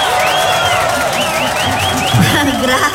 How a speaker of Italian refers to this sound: Intanto un bel applauso per la nostra preside